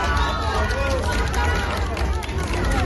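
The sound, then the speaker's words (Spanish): A crowd applauds steadily as the Princess of Asturias arrives at the Faculty of Legal Sciences of Universidad Carlos III in Madrid, a dense and loud wash of clapping that runs the whole time, with many voices calling and chattering underneath. “En Vaqueros, una camisa blanca, unas deportivas y un bolso negro en medio de los aplausos.”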